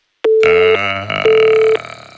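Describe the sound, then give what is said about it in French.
A telephone line tone after a dropped call: two steady half-second beeps separated by a short gap, loud, mixed with a rough, noisy rumble running underneath. “Le téléphone a coupé.”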